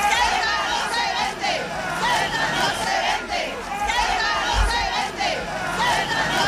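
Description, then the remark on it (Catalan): A large protest crowd of thousands chants and shouts together at an evening demonstration in Ceuta called by the Christian, Muslim, Jewish and Hindu communities, many voices merging into a loud, steady roar with a rising and falling rhythm that carries on throughout. “Va ser un dels crits de la manifestació que ahir al vespre va reunir milers de persones a la ciutat convocats per les comunitats cristiana, musulmana, hebrea i hindú.”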